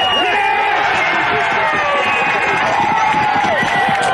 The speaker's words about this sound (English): The Gorillas avoiding a 15th straight loss as Ben Askew scored the winning try with just minutes to go, sending the home crowd ballistic.